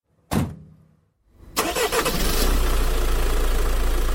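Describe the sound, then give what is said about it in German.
A sharp clunk, then a jeep engine cranks and roars to life as the jeep drives off, running loud with a steady, rumbling drone that holds strong to the end. “Als der Motor des Jeeps in der Ferne verklungen war,”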